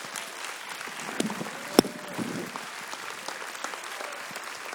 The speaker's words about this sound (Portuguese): Pode glorificar Deus com as suas palmas.